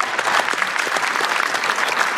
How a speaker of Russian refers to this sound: Слушайте, а поаплодируйте, женатые парни, есть?